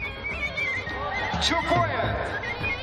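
A horse whinnies loudly over a busy outdoor din at a horseback games contest where riders lean from galloping horses to pick up small objects from the ground, its wavering cry rising and falling for a moment amid crowd chatter and movement.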